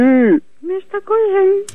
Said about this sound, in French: Non, mais il rote seulement, il pète pas.